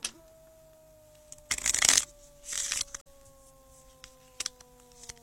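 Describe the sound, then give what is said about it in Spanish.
A deck of cards is shuffled in two quick riffling bursts, crisp and papery, with a faint steady hum underneath and a couple of small taps afterward, before a horoscope card reading. “Vamos a barajar bien, sin temor a equivocarnos en nada.”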